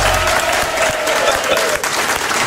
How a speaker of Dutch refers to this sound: Mag ik een applaus, alsjeblieft?